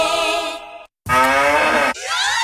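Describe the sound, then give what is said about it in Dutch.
A cow moos three times in quick succession, the moo sound from a Müllermilch bottle prize campaign, loud and drawn-out calls with a rich harmonic tone, the middle one rising and falling, separated by a brief gap of silence; no one speaks. “Al één van de vier Müllermilkflesjes met het moe-geluid is gevonden.”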